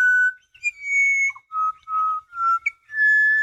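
A pied butcherbird, a fairly common black and white bird of Australia about the size of a jay, sings its dawn song: a series of clear, flute-like whistled notes, some held, some sliding, in a slow unhurried phrase with brief pauses between notes and no voices.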